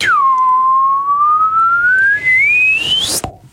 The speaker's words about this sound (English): At this point, I'm expecting you to pop like a thermometer. Yeah. Can you do the slide whistle up, please?